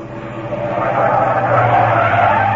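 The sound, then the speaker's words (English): A taxi cab skids hard to a sudden stop, a loud, sustained scraping rush of tires over a low engine rumble, building in intensity for a couple of seconds with no voices. “Stop the car! Stop this car at once!”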